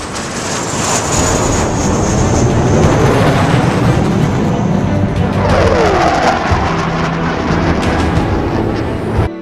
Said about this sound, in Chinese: 歼20护送运20，中国人自己造的飞机，接英雄回家。